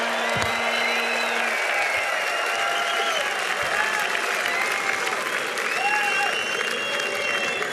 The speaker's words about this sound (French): Beaucoup d'applaudissements.